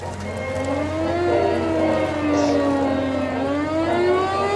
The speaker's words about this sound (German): Dann, kurz nach dem Einlaufen in La Rochelle, heulen die Sirenen und alliierte Jagdbomber stürzen vom Himmel.